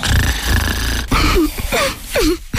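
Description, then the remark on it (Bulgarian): A person snores loudly with a rough, rattling rumble, followed by a few groaning, sliding vocal sounds. “Искаш любимото да мърка вместо да хърка?”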